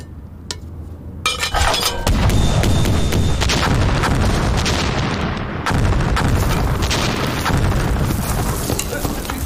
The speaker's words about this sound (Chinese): 师长，这外面是共军开的炮吧？ 应该是。